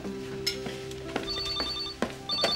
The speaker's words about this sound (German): Oh, Telefon.